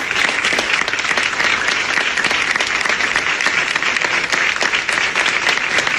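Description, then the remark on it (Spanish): Steady, sustained applause from colleagues in the newsroom of La Sexta Noticias as a colleague leaves after 19 years there. Dense overlapping claps at a constant loud level throughout, with no one speaking. “Los aplausos en la redacción de La Sexta Noticias.”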